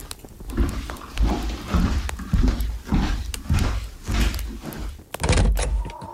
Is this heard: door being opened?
yes